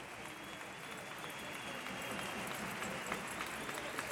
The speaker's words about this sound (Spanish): Hace un momento hemos vivido un minuto de silencio que ha terminado con un aplauso por Mari Carmen.